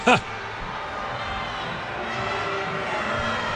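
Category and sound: crowd, stadium crowd grumbling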